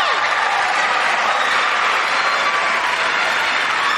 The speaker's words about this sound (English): You have a cheering section out there